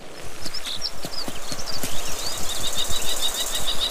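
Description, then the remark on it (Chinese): A common kestrel gives a rapid, shrill warning call at a golden eagle, driving it away from its nest: a run of sharp, high 'kee-kee-kee' notes that grows steadier toward the end, over scattered dull knocks and flutters. “其他动物也在留意金雕的动向，一只红隼向金雕发出警告，并驱赶它远离自己的巢穴。”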